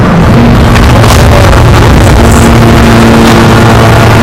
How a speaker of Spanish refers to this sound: Ese sonido que no sé si se puede apreciar, que son los drones israelíes.